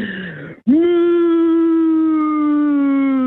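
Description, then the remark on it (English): A person imitates a cow's moo with one long, loud, steady tone held for more than two seconds, its pitch sagging slightly toward the end, after a brief vocal sound and a short pause. “Okay, that was a long moo.”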